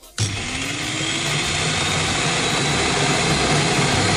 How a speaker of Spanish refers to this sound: Que parece que la picadora que he comprado esta mañana es un Boeing 747. Es un poco bueno. Así, suena como muy grave. Sí, ya. Tiene que subir unos cuantos tonos.